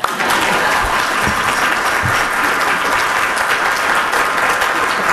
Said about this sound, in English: That's when everybody clap.